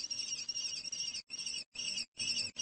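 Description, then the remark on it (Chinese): Shrill, harsh alarm calls from several lesser kestrel chicks in their nest in a small town as two crows fly at the nest, coming in loud, sustained bursts broken by three brief pauses, continuous with no talking. “面对危险，幼雏们大声呼救。”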